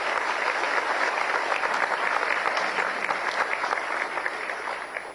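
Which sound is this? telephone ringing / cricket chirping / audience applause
audience applause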